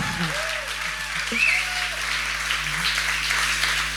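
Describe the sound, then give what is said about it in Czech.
A packed audience fills the Husa na provázku theatre in Brno as the last spectators arrive for the opening of the Month of Authors' Reading festival. A dense, steady wash of murmuring chatter and shuffling stays loud and continuous for the whole stretch, with a crackly, applause-like texture. “Dobrý večer, my zdravíme Brna, zdravíme konkrétně z divadla Husa na provázku, které je přehání, ačkoliv to zní takové to slavné kliše, úplně k prasknutí naplněné, ale je to ještě sem chodí poslední diváci. Ano, možná, že to slyšíte, doufám.”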